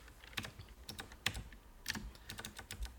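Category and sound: household object, computer keyboard typing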